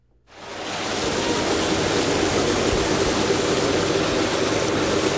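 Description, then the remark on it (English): The muddy Longs Creek on the north side of Auburn, Nebraska, flows on a spring morning in a steady, rushing wash that fades in quickly and then holds at an even, fairly loud level throughout, with no voices. “It's a beautiful spring morning in Auburn, Nebraska, and alongside the muddy Longs Creek on the north side of town,”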